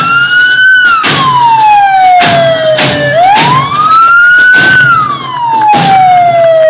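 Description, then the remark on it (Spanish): A loud fire truck siren from a 2008 Renault Kamiva fire engine with a 5,000-litre water capacity wails in slow rising and falling sweeps, cut through by several short, blaring horn blasts, with no one talking. “La compañía posee un carro Renault Kamiva, año 2008, con capacidad de 5.000 litros de agua.”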